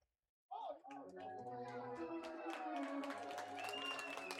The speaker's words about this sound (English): The fans applaud a young fan who caught it off the ricochet. It's really the only thing they've had to cheer about in the late innings tonight.